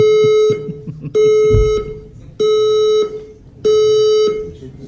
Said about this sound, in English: A fire alarm. Yeah. So, no one knew that it was a fire alarm. They thought it was just like the super cool soundtrack to the fashion show. So everybody stayed seated. The models just keep walking in time to the fire alarm.